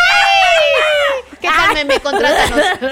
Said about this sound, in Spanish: ¿Te sale el grito mexicano? ¿Eh? ¿Te sale un grito mexicano o no? No lo sé. No lo sé y no lo voy a comprobar aquí, dice.